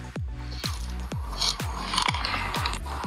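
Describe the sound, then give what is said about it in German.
A mole's rasping, zipper-like calls repeat in about six quick bursts at a steady rhythm, each a short ratcheting rasp, close up and fairly loud with no voices. “Ey, das hat sich für mich angehört, als hätte man so bei so einem Reißverschluss.”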